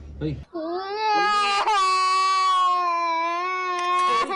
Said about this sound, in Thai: นี่เนี่ยเสียงของเด็กวัย8ขวบร้องไห้ด้วยความเจ็บปวดเลยเพราะว่าเจ้าหน้าที่เนี่ยต้องพยายามทำทุกวิถีทางครับในการที่จะตัดลูกปิดเนี่ยออกจากนิ้วของน้องให้ได้